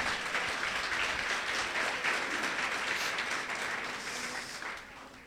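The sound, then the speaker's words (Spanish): A crowd gives a strong round of applause to the Lord, a dense wash of many hands clapping at once, loud and sustained for several seconds before tapering off slightly at the end. No one speaks over it. “Denle un fuerte aplauso al Señor, por favor.”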